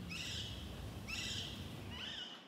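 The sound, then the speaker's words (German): Rose-ringed parakeets screech in three harsh, shrill bursts about a second apart, loud over a steady low outdoor rumble. “Einige der Halsbandsittiche waren aus Volieren ausgebrochen.”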